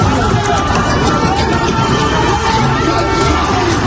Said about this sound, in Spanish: En la Puerta del Sol, el día ha acabado con la policía cargando contra manifestantes.